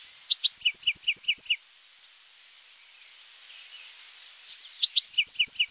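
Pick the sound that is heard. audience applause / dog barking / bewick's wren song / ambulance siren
bewick's wren song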